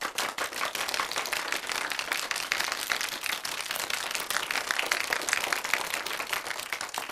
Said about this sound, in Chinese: 掌声鼓励